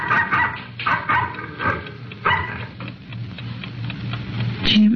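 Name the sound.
dog barking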